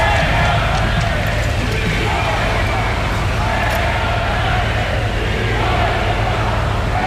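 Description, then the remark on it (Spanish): A large outdoor crowd at a military parade on the Castellana roars with sustained booing and scattered shrill whistles, a dense, loud wall of jeering that continues without pause. “El desfile militar en la Castellana nos ha vuelto a dejar un sinfín de abucheos y de pitidos.”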